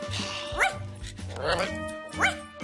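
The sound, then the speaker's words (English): A dog barks three times in short, high-pitched yipping bursts, spaced about a second apart, over a busy background. “Boy, dogs sure have fun.”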